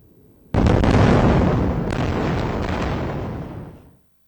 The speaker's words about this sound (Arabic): قبل لحظات سمعت انفجارات هائلة أعقبها تحليق طائرات مقاتلة في الأجواء.